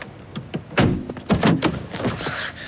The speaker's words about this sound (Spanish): Antes de que arranque, Tom le abre la puerta del coche.